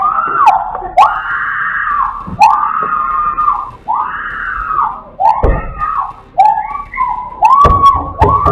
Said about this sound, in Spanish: La víctima grita desesperadamente después de que los ladrones le arrancaran las llaves de su auto.